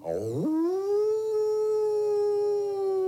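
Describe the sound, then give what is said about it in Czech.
A large grey wolf lets out one long, sustained howl that rises quickly at the start and then holds a steady, mournful pitch. It sounds clear, with no voices. “Tu se k němu přitovarišil veliký šedivý vlk a lichotil se k němu jako pes.”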